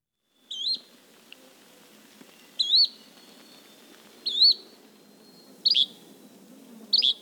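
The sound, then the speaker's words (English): A yellow-bellied flycatcher, caught for banding at Braddock Bay, gives five short, rising whistled calls, spaced evenly about every second and a half, clear over a soft, low background rumble. “The first bird they've caught yesterday, a yellow-bellied flycatcher.”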